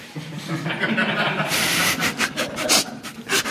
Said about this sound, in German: Plötzlich vernehme ich Geräusche an der Wohnungstür. Ein Schlüssel wird von außen ins Schloss gesteckt und umgedreht. Zweimal, denn ich schließe nachts immer doppelt ab für den Fall, dass Mörder kommen.